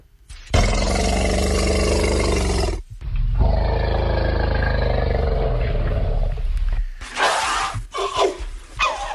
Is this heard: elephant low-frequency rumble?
yes